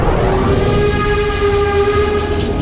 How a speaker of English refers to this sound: This is a steam train. It's powered by coal. That's a type of fossil fuel.